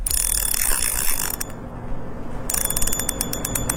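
A fishing reel clicks in rapid ratcheting bursts while someone fishes for small fish: a dense run of ticks, a brief quieter pause, then another fast stretch of sharp, even clicks with no voices.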